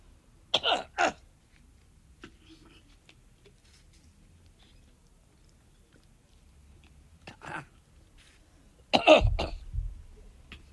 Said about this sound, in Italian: Chiedo scusa. Pausa tosse.